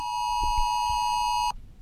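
A loud, steady electronic warning tone blares continuously for about a second and a half, then cuts off abruptly: the phone alert tone of the new Oz Alert emergency warning system, sounded for its first nationwide test.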